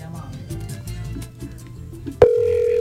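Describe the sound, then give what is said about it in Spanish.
Muffled voices and background noise give way to a sharp click as a phone call is placed to a TikTok user. A loud, steady electronic phone ringing tone then holds without a break to the end. “¿Estás llamando a la de TikTok?”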